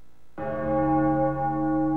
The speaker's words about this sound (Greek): Πένθυμος ερχόταν ο αχός από τις καμπάνες που χτυπούσαν μέχρι το αντέρισμα που πολεμούσαν ακόμη οι αντριωμένοι.